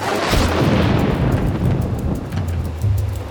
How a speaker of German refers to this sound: Es fiel sozusagen vom Himmel, wenn der Blitz einschlug.